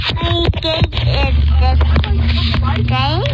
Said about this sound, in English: And now I show you this. Like you can hear mom driving the car. Baby's got the phone.